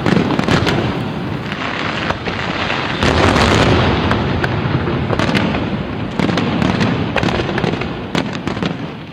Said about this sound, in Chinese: 真的有烟花吧？